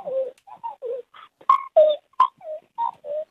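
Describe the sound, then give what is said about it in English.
A caller imitates a magpie's call: a quick run of about a dozen short warbling, fluting notes at varying pitch, fairly loud, with no talking over it. “We've got a late entry of a magpie sound.”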